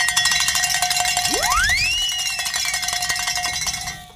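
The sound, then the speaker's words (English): A bell rung in celebration rings on and on in rapid, repeated strikes, its bright metallic tones sustained throughout, while a whistle-like tone sweeps upward midway and then levels off. No one speaks. “And actually, I guess someone did because Tony's running over here and saying ring a bell and celebrate.”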